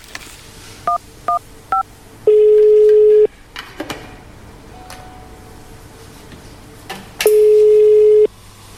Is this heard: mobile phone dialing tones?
yes